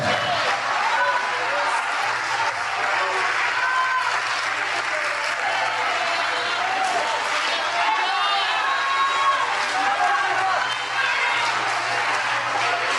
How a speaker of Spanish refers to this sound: Ponte en tus pies y dale un aplauso al Señor Jesucristo, por favor. Dale un aplauso porque Él merece.